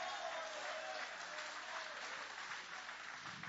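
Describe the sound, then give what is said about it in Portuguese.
An audience applauds together in a steady, dense wash of clapping that stays fairly even in loudness throughout, with no voices standing out. “Pode aplaudir, pode adorar, pode glorificar.”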